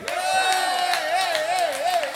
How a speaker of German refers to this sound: Und am Sound und am Licht für euch ein Öhringer. Ganz dicken, fetten Applaus, was der wegschafft.